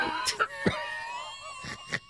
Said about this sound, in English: You'll find out why I'm coughing.